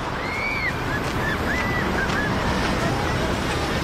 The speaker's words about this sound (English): Police and firefighters sprayed crowds with water cannons at Heroes Square in Budapest to help residents and tourists cool off.